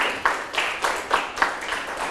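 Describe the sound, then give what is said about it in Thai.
A small audience of students applauds three classmates in a steady patter of overlapping claps with a few sharper, louder hits, sustained for a couple of seconds and heard alone without talking. “ปรบมือให้เพื่อนทั้ง3คนเลยนะครับ”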